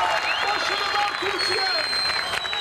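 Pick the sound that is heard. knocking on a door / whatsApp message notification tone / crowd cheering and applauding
crowd cheering and applauding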